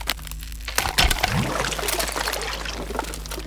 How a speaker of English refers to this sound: The ice above the sword cracks and a hole appears.